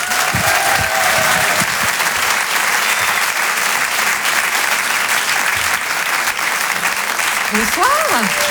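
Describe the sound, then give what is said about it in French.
An audience at the Open du Rire comedy show applauds a comedian coming on stage. Loud, sustained applause fills the whole stretch, a dense steady roar of clapping with a few whoops and cheers rising above it near the start and again at the end. “Je vous demande de l'applaudir comme il se doit.”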